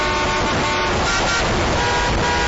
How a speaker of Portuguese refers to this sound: A garotinha Suzana, sozinha, de dentro da escola, olhava assustada os carros correndo lá fora.